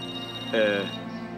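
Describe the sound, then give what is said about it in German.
A mobile phone rings with a short, bright electronic tone burst lasting under a second, over a steady background hum; the call is from the office. “Dein Handy.”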